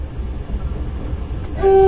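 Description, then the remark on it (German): A steady low diesel rumble gives way to a sudden loud blast of a diesel locomotive's signal horn, sounded at a reindeer walking along the track, its sustained chord-like tone starting just before the end. “Das Signalhorn der Diesellok stört ihn offensichtlich überhaupt nicht.”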